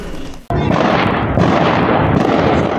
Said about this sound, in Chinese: 这里是玻利维亚西部维亚查市的玻利瓦尔军团军营。9月4日下午，这里发生2次剧烈爆炸，爆炸威力巨大，1公里范围内的建筑均受到不同程度波及，数十栋房屋窗户被震碎